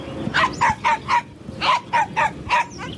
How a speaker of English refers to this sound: the poodle apparently threw a fit. The dog wouldn't stop barking at the bag.